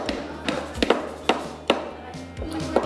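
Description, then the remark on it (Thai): A series of light, sharp taps at an uneven pace, about seven or eight knocks in quick succession, as something is gently hammered in during a children's group activity, with a low hum underneath. “ตอกลงไปเบา ๆไม่ดูนะ ค่อยๆก่อนดิลูกค่อยๆตอก”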